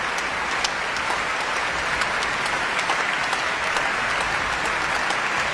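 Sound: concert audience applause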